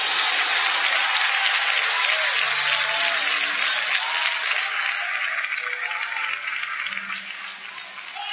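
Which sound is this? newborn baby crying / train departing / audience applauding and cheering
audience applauding and cheering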